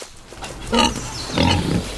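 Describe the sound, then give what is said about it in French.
Two loud wild boar grunts, a short one followed by a longer, rougher snort, over a low rumbling background with no talking. “Je ne sais pas si les sangliers en mangent, mais s'ils nous attaquent, jetez-leur des cupules.”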